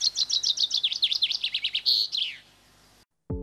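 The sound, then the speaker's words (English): Storm petrel calls: a quick run of high, chirping notes, roughly fifteen in a row, rising and falling, then a brief buzzy note before the calling trails off into silence. “Superstition and associations aside, though, the little storm petrels are remarkable for their abilities to survive a life at sea, often very tempest-tossed.”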